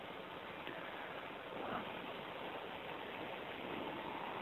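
Steady, dense hiss of rainfall, a continuous wash of fine patter with no breaks or changes in level, moderately loud and with no voices.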